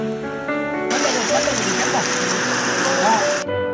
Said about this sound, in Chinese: 暴雨如注，河水猛涨。